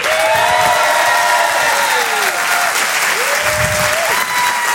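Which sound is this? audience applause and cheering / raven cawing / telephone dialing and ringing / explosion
audience applause and cheering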